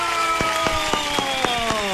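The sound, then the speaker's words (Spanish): Crowd applause welcoming a guest on Tropicana in the city of Ibagué: a steady wash fills the whole two seconds, with sharper regular beats cutting through and sustained musical tones running underneath. “Señoras y señores, vamos a dar un aplauso.”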